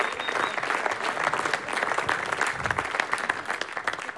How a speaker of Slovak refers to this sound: Ja si myslím, že pani si zaslúžia ešte dlhotrvajúcejší potlesk. Boli úžasní, ďakujeme veľmi pekne.